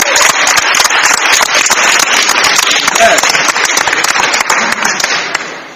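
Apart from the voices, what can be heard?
round of applause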